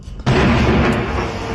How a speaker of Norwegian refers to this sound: NRKs korrespondent Fredrik Tombra ble vekket av voldsomme drønn midt på natten.